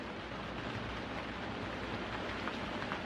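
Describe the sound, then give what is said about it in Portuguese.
Steady, dense rainfall from a storm hisses without a break, a heavy wash of drops with faint patters standing out here and there. No voices, just the constant downpour filling the space. “A tempestade durou exatamente 40 dias e 40 noites, ou 57.600 minutos, ou 960 horas, como seja.”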